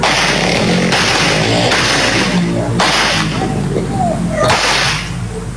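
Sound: gunfire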